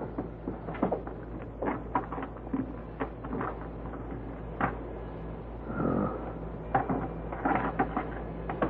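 Keys are tried in a lock: a run of irregular metallic clicks, jingles and scrapes, with a louder rattling scrape partway through, over a low steady hum and no talking.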